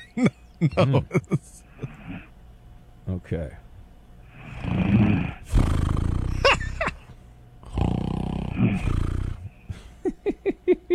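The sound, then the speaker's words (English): A few long, rasping snores from a sleeping woman, played as a sound effect, swell in loudness, each harsher and bigger than the last, with a person talking briefly before and after them. “She's I hear a little snore. Oh, okay. It turns out she's got a little snore situation.”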